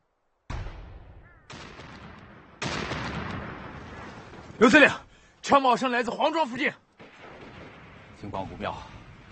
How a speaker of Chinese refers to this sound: 从枪声上判断